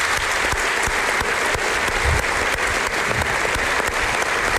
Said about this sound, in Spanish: Llevas muchos años haciéndolo y creo que públicamente nunca te hemos dado las gracias, así que si me acompañan en un aplauso, yo creo que te lo mereces.